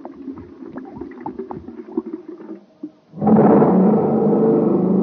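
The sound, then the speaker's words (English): A jet cycle engine sputters with an uneven low putt-putt on ordinary fuel, goes briefly quiet, then, after super fuel is poured in, suddenly bursts into a loud, steady, full-throated roar that holds to the end. “Wow, that jet cycle is supercharged now.”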